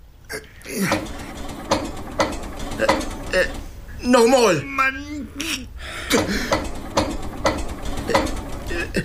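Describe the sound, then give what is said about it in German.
A motor is cranked over and over without catching, a rhythmic mechanical clatter of sharp repeated clicks, loud and steady, while a voice speaks briefly in the middle. “Ne, schmied den Motor an.”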